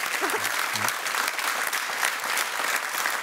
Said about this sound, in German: Das ist, glaube ich, in erster Linie Applaus für deinen Lebensmut und Lebenswillen.